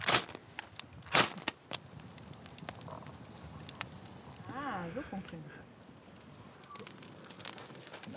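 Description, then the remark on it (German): A campfire in Germany crackles with sharp, irregular pops and snaps over a soft steady hiss, a few louder cracks early on, and a brief faint vocal sound midway. “Das Feuer brennt und die Natur liefert eiweißhaltige Nahrung.”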